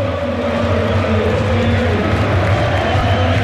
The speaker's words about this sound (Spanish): Mira cómo canta la gente, sube el volumen